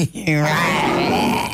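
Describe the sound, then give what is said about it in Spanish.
A person voices a single drawn-out, growling roar in imitation of a lion, starting with a harsh low rasp and sustaining loudly for over a second. “Pero le quiero preguntar yo, ¿usted sabe cómo hace león, carito?”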